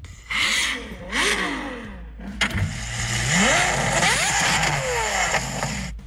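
A Ferrari sports car engine revs hard in repeated bursts, the pitch sweeping up and down with each throttle blip, then settling into a loud, sustained rising roar. No one speaks.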